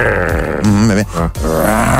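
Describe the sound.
A person growls like a tiger with their voice, a loud, rough, low rumbling snarl that rises and wavers for about two seconds with a brief break near the end.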